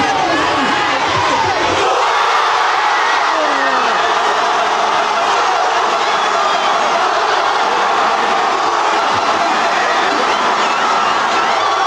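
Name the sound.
football fans celebrating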